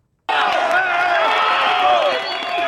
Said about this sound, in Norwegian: Det er jo jubel og gråt om hverandre fordi de klarer å finne folk i livet etter over et døgn.